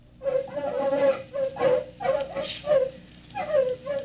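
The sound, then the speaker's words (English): Artificially enlarged terriers yapping in the fields of fast-growing crops, a steady run of six or seven high, whiny barks and yelps, coming in quick succession with short pauses between them. “Following tape, field observation of terriers.”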